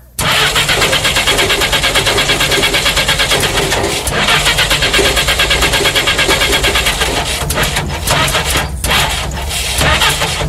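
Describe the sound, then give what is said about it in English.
A car parked on a railroad trestle over a canyon cranks over and over in a fast, rhythmic grinding whir, loud and steady, without ever catching and starting, continuing for several seconds with brief stutters. “"It won't start."”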